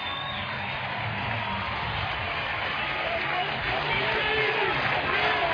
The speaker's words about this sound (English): And this Bolin Stadium crowd revs up. Runner at third, two outs. No score, top of the fourth. Huskers threatening.